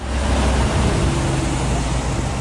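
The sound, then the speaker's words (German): Continuous traffic rumble of heavy trucks and columns of cars passing through the town of Fürstenberg, mostly at 30 km/h, a steady loud roar with deep engine drone and no pauses throughout. “Lkw und Autokolonnen schieben sich durch Fürstenberg. Meist mit Tempo 30, doch Lärm macht es trotzdem.”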